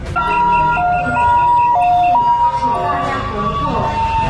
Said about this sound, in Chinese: 救护车来了！哇，那个人潮，那个人潮，看有没有办法马上散开。